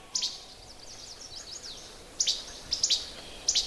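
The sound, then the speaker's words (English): A least flycatcher repeats its sharp, snappy two-part 'che-bek' song several times, with a soft chorus of other woodland birds chattering in the background and no talking, on trails through mixed, mostly deciduous woods. “There's a funny little jibek, jibek, jibek sound. That's a least flycatcher. That's actually his song.”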